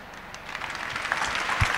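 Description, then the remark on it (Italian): An audience claps steadily, a dense, even patter of many hands at moderate volume that swells slightly toward the end, with no voices heard over it. “Senza che applauso in realtà è per dire, fai risposte più brevi.”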